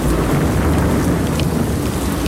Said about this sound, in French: Le morceau commence comme ça, hein. C'est avec des bruits d'orage remixés. Je ne sais pas ce qu'ils ont fait, là. Pas terrible leur orage, hein.